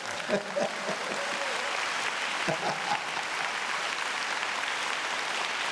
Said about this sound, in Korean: 이럴 때 박수 쳐버려.